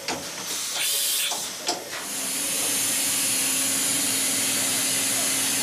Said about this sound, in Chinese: 我们看见的是一个5轴数控机床的雕刻工艺展示，在厚度约0.2毫米的鸡蛋表面，雕刻机床正在进行1微米工艺的雕刻。这是精密加工工业机床研发阶段软件与硬件检测的一种方式。